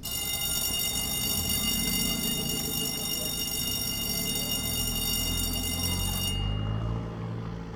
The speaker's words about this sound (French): Hein, très, très typique. Ben, je dois vous dire, je ne l'ai pas souvent entendu comme ça, exactement avec les mêmes sonorités en France, mais en Amérique du Nord, c'est une sonnerie très typique des écoles.